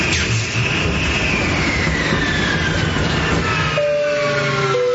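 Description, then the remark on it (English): A loud, continuous mechanical roar with a high whine sliding steadily downward in pitch, then steady tones near the end, like an aircraft engine winding down and failing. “As you can see, we're experiencing engine failure.”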